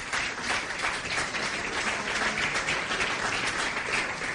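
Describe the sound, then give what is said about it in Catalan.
Sustained audience applause requested in honour of radio figure Joan Rafel, a dense, even wash of many hands clapping at steady loudness throughout, with no voices standing out. “Com es deia Joan Rafel, per al qual demano un aplaudiment també, sisplau.”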